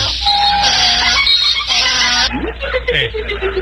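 A donkey's bray rings out as a loud, harsh, honking call with repeated strained pitch swings, rising and falling in a wheezy see-saw rhythm for a few seconds.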